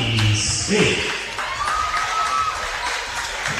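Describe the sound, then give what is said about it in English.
A polite round of applause from a crowd at a game, greeting young player Lockie Smith as he comes on as a substitute, a steady, moderate patter of clapping that holds for a few seconds with murmuring voices mixed in. “Yeah, polite round of applause, really.”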